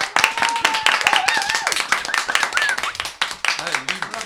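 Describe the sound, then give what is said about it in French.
A studio full of people who will take part in the broadcast, applauding: dense rapid clapping throughout with a few whistles or cheers rising above it, loud, with some voices mixed in toward the end. “Voilà, tout le monde qui applaudit, c'est tout le monde qui va participer à l'émission.”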